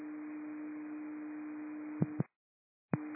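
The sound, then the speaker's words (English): Radio dispatch cancellation tones for a water rescue call: a steady, unwavering pitch over hissy radio static, broken by two sharp clicks before the transmission cuts out briefly, then the tone resumes. “Look, Hunter, we just sent cancellation tones.”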